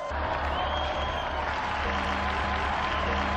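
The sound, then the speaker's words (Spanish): Steady, dense applause from a sizable crowd, given in honour of Blessed Luis Ceferino Moró, fills the whole stretch, a continuous wash of clapping at even loudness with no voices standing out. “Brindemos nuestro vivo aplauso al beato Luis Ceferino Moró.”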